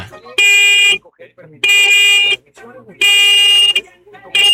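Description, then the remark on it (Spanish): A VW Beetle's car horn honks four medium honks in steady succession, each blast loud and just under a second long, with brief pauses between; the final honk is cut off at the end. “Va, muñeco, regálame 4 bocinazos medianitos ahora.”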